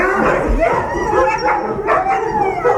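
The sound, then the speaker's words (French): A pack of sled dogs barks, yips and howls excitedly on seeing visitors, a loud, continuous chorus with the overlapping voices rising and falling without a pause. “Ah mais il démarre au quart de tour, hein ! Ah bah complètement. Je comprends pourquoi tu voulais pas de voisins, en fait.”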